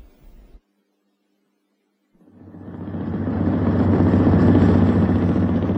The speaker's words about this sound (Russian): Катер рокотал мотором и разгонял по стеклянной воде длинные волны.